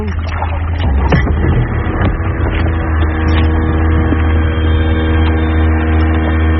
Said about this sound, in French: Le bateau sur lequel on est, ça nous sert surtout pour l'activité bouée tractée et aussi de temps en temps pour faire les navettes pour aller jusqu'à l'île pour le départ des jet skis.